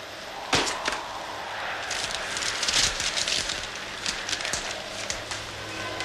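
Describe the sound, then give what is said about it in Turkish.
Heavy rain pours down outside in a steady, dense hiss, with wind gusting through and scattered sharp patters and cracks as drops hit surfaces. No voices. “Dışarıda delice yağmur, sesini duymuyorum ama yangın gecesini hatırlatan bir rüzgar var.”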